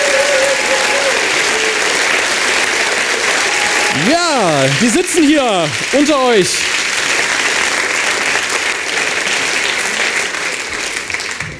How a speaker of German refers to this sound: Jetzt brauchen wir noch eine Kleinigkeit, denn dieser Applaus, den ihr schon so wunderbar in diesen Saal geschmettert habt, der wird heute noch eine entscheidende Rolle spielen.